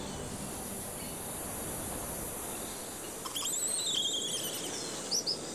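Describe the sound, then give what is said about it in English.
Forest ambience with a steady high insect drone throughout, joined midway by clear whistling bird calls that rise and fall, plus a couple of short chirps near the end. “And the forest won't last long without the wildlife that lives here.”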